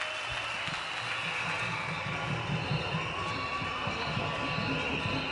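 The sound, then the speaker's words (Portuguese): A crowd at a Frelimo event in Mozambique claps steadily and densely for several seconds for a cultural group from Cabo Delgado, with a continuous wash of cheering voices mixed in and no single voice standing out. “Mais uma vez, uma grande salva de palmas para eles.”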